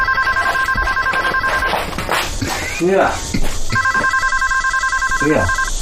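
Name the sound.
telephone ringing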